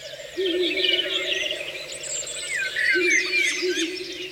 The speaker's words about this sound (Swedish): Där var det en slagugla som ropade.